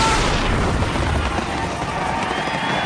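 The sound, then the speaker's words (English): A loud, sustained barrage of 4th of July fireworks display explosions, deep booms blending with hissing crackle into one dense, continuous roar that fills the whole moment, heavy with no voices. “Celebrate the 4th of July with a fireworks display from Messes Fireworks.”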